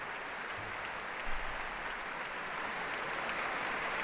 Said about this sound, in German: Großen Beifall gibt es hier in der Elbphilharmonie.